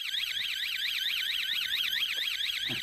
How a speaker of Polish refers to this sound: Na auto alarm? Zamiast serenady. Wyje pod oknem cymbał.